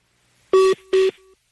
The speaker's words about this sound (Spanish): ¿Y qué pasó? Te estoy marcando tu celular y me manda buzón.